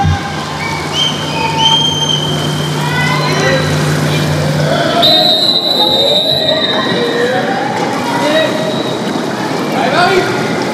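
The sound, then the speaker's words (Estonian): A large crowd of French spectators in a swimming arena cheers and roars continuously, many voices blending into a loud, echoing wash, with a commentator's voice talking over the noise, as the previous day's gold medallist Marie-Ambre Moluh comes to the start in lane four. “aga siit ka Prantsusmaa publik on aktiveerumas , sellepärast et neljandal rajal on starti tulemas eile kuldmedali kaela saanud Marie-Ambre Molu .”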